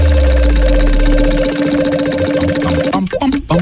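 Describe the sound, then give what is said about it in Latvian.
A big wheel of fortune is spun on a Radio SVH broadcast, with a loud, rapid, steady stream of clicks over a low hum, the ticking breaking up near the end as a voice briefly cuts in. “Tagad tikai jāpasaka, būs aiziet un būt to lielais laimes rats.”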